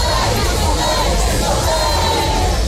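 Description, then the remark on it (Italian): A large crowd of protesters with smoke flares shouts slogans continuously in unison at a demonstration led by the Russian feminist punk group Pussy Riot with the Ukrainian group Femen: a dense roar of many voices with rising chanted cries layered over a steady rumble, loud throughout with no pauses. “Manifestazioni con fumogeni e slogan si sono svolte durante la giornata di ieri, guidate dal gruppo femminista punk russo Pussy Riot in Passamontagna Fucsia, accompagnate dal gruppo ucraino Femen, seno scoperto e slogan scritti sulla pelle.”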